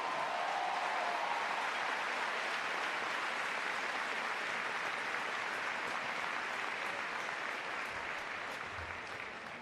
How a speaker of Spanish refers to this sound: Ha sido un 3 de 8 levantado por el grupo La Colla Castellera de Vilafranca de Penedès. Un aplauso para ellos.